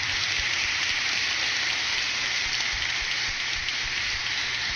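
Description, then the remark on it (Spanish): Sustained applause for the children from the audience at a church Mass, a dense, even wash of many hands clapping at once that stays loud and steady throughout, with no voices breaking through. “Fuerte aplauso para los niños.”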